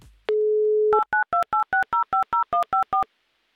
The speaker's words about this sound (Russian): Попробуем еще раз набрать ее номер телефона, для того, чтобы убедиться, что все у нее в порядке